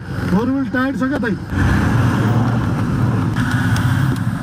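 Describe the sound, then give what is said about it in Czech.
A Toyota drives up a steep, narrow unpaved mountain road less than 4 metres wide, over sharp stones, toward Nuvakot district; its engine rumbles loudly and steadily, with a brief voice heard at the very start. “Tohle je teprve začátek a jistota, že sklon ani povrch nemůže naše Toyota zvládnout, mě rychle přešly.”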